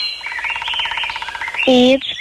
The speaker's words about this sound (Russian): Птицы, да. Ну, а как ты думаешь, где же все эти птицы могут находиться-то? Вот в заповеднике. В заповеднике, так.